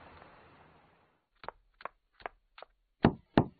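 A run of six firm knocks on a door, spaced fairly evenly, with the last two landing harder and louder, following a brief stretch of soft background hiss.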